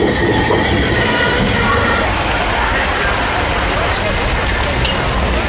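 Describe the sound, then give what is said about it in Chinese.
A train roars in across the border river bridge at the Hekou border crossing in Yunnan, China, opposite Lao Cai, Vietnam: a loud, steady rumble of wheels and carriages with faint metallic squeals rising over the continuous din. “待火车跨过界河呼啸而来，100多年前的站台才昭示了时空。”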